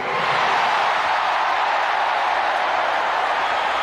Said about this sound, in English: This is the loudest crowd so far here.